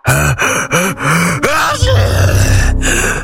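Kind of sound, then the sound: human body sound, loud sneeze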